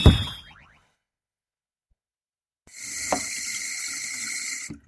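A short springy boing, a pause of silence, then a tap runs steadily into a sink for about two seconds, a bright, hissing stream that stops abruptly.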